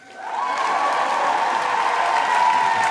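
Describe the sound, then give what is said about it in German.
An artificial audience sound effect: a crowd cheers and applauds, swelling in over the first half second, then holding at a steady, loud, dense roar of clapping and whooping with no one speaking. “Ich aber habe eine AA, eine Artificial Audience. Jubel!”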